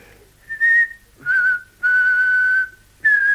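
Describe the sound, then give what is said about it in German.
A person whistles a short melody alone, four clear sustained notes with brief pauses between them, the third held longest, fairly loud. “Also, fang schon an zu pfeifen.”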